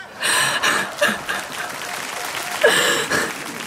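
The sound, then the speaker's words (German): A crowd applauds steadily, many hands clapping in a dense, even wash of sound, with a few brief cheers and laughs rising above it. “Das ist jetzt aber einen Applaus wert, oder?”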